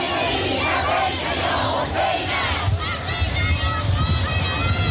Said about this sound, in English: People continue to pour in, chanting slogans like God is great. As they arrive, they carry flags and make their way forward.